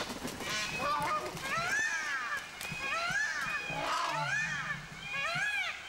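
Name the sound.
geese cackling loudly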